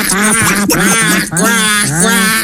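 A loud, nasal duck quacking runs almost without pause, the quacks blending into a wavering, honking stream that fills the whole moment.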